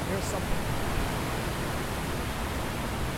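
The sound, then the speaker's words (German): A steady, unbroken rush of water pouring down on all sides into the deep basin of a large square memorial pool at the former World Trade Center site, a dense roar that holds at the same level throughout, filling the whole scene. “Wasser fällt an allen Seiten nach unten in ein tiefes Becken.”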